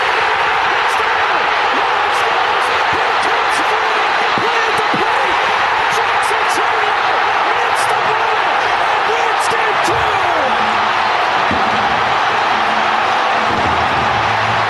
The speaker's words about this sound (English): That was one of the biggest eruptions by a crowd I have ever heard, partially because it's a starved for winning a championship Milwaukee Brewers best record in baseball this year. But you couldn't hear the announcers at all.